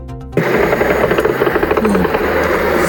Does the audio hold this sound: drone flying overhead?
yes